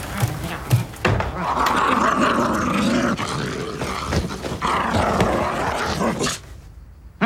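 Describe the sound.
A man's voice imitates a dog, letting out rough growls and gruff bark-like sounds in a continuous, loud stretch, with a few sharp bursts at the start.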